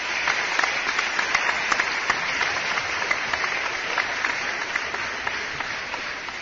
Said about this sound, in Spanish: Así que muchas felicidades para todos los cumpleañeros y aplausos para ellos.